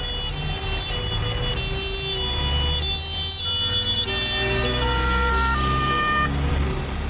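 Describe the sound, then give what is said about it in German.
A wailing ambulance siren rises and falls steadily over a continuous low rumble of traffic, loud throughout, with no voices; the ambulance is bringing an injured police officer back to an airport runway area. “Der Rettungswagen bringt den zuerst verletzten Beamten in das Startbahnareal zurück.”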